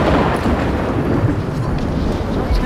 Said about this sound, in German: Kurz vor der Premiere, die Beinahe-Katastrophe, ein Gewitter zieht auf, der Sturm zerlegt die Bühne.